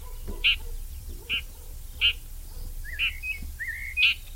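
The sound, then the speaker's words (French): A red-backed shrike gives harsh, repeated alarm and contact calls, short rasping notes about once every second, with a few thinner rising whistles mixed in over a low steady background rumble. “Ici, on l'entend en train d'alarmer, de faire ses cris de contact ou ses cris d'inquiétude.”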